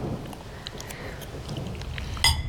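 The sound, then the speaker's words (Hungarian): Steady, dense rainfall fills the scene with a constant hiss and low rumble, scattered drops pattering throughout, and a brief sharper knock near the end. No one speaks. “Még hozzá ilyen esőben?”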